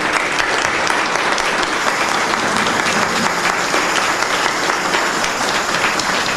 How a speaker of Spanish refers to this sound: A él que empezamos esta novena, elevemos un gran aplauso al cielo a nuestro patrono.